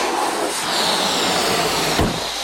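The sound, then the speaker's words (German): Air rushes loudly and steadily out of a released balloon flying in a zigzag, a breathy hiss with a thin whistling edge that sputters briefly near the end. No voices. “Menno, meiner fliegt im Zickzack. Ich glaube, meiner ist hinterm Schrank gelandet.”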